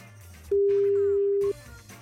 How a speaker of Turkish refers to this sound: Şimdi telefon numarasını tuşladık. Telefona bakacak mı? Arıyoruz kendisini. Numarasını tuşladık. Telefon çalıyor.